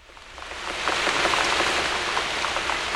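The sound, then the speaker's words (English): Steady rain falls, a dense hiss with scattered droplet taps striking a surface, swelling in over the first second and then holding at a constant, fairly loud level. “This is the sound I make as I jump through the puddles and down the street, as my rubber boots keep the rain from my feet.”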